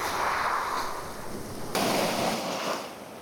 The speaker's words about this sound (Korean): 얼마나 많은 시간이 이 해변 위로 지나갔을까요? 그리고 이 몽돌은 얼마나 많은 파도와 만났을까요?